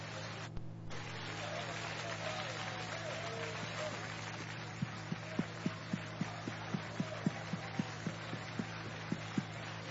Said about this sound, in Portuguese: Mais alegre as palmas para Jesus. Pode bater bem forte, bem forte. Mais fortes, mais alegres as palmas, porque são para Jesus Cristo.